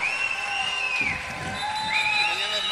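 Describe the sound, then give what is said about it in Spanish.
A dense, steady wash of crowd noise fills the whole stretch, with people cheering and applauding for the group from Temuco at a fairly loud, sustained level and high voices rising above the din. “Oye, un aplauso de la barra de Temuco, ya está.”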